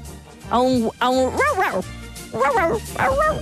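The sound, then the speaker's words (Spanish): A person's voice mimics a dog barking, about five loud, yelping woofs with rising and falling pitch, delivered in two quick clusters separated by a short pause. “A un guau guau.”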